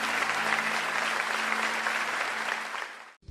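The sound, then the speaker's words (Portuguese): An audience at the Igreja do Evangelho Quadrangular da Vila Industrial claps for the Lord after a prayer, in loud, dense, sustained applause that carries on steadily for about three seconds before cutting off abruptly. A faint low hum runs underneath. “Se você concorda com essa oração, dá um forte aplauso ao Senhor, diz: eu quero ser essa geração.”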